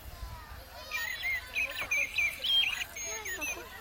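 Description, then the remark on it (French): A common blackbird, a black bird with a yellow bill, sings a run of fluty, warbling phrases lasting a couple of seconds, fairly soft, over a low background hum. “C'est pas plutôt un merle noir avec le bec jaune?”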